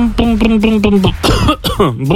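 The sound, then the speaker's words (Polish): A person vocally imitates the engine of their small Fiat car, a Maluch, coughing and sputtering: a steady droning hum that breaks into rough, choppy coughing bursts. Loud, with no other sounds. “Tak robi mój maluch.”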